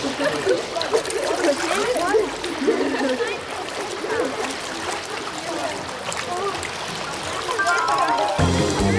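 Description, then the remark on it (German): At the end of a swimming lesson, children romp, play and jump from the pool edge into the water, with continuous sloshing and spattering mixed with lively, indistinct young voices echoing throughout. “Am Ende jeder Stunde dürfen die Kinder toben, spielen und vom Beckenrand ins Wasser springen. Das liebt … besonders, weil es so schön spritzt.”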